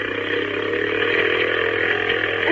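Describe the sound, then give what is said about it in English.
A small motorboat engine drones loudly and steadily on a smooth inlet, heading toward a lighthouse, its buzzing note climbing slightly as it gathers speed, with no voices over it. “Well, can't we go faster?”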